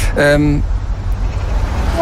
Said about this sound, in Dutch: Ik ga al. Dat is altijd dat ongeduldige getoeter.